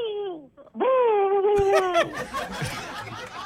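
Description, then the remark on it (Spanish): A voice imitates an owl with a short falling hoot, then a longer, steady, low-pitched hoo. Laughter and breathy noise break in right after. “El sonido del búho.”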